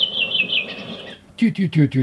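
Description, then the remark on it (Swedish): A redwing from the Surahammar area of Sweden sings a short, clear phrase of high whistled notes in a classic falling dialect that slide downward, fairly loud, followed right after by a few words from a man speaking. “Det är mer en klassisk fallande den dialekt. Den var lik min brände rövinge trast.”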